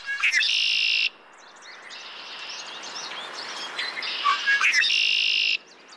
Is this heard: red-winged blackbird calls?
yes